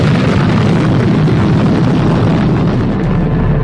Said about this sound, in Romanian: Forța acestei explozii a fost evaluată la 15 megatone, de 1000 de ori mai puternică decât bomba de la Hiroshima. Unda de șoc și sunetul exploziei s-au auzit la mii de kilometri distanță.